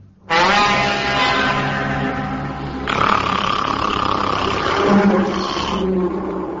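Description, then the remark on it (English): A fire-breathing dragon roars in one long, loud, rasping blast lasting about six seconds, deep and growling, its tone shifting rougher partway through before cutting off, in a courtyard. No voices accompany it. “It was a dragon.”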